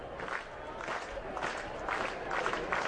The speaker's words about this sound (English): Crowd getting into it here a bit. Biggest crowd of the week so far in Omaha.